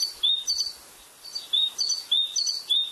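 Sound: great tit song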